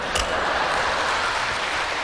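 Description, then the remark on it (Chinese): An audience applauds steadily, a dense wash of many hands clapping at a constant level for about two seconds, with no voices over it. The applause comes during a comic stage routine, after a performer recites a tongue twister. “这个时候的掌声都是期待给我的， 嗯，期待给你，你唱我听听。”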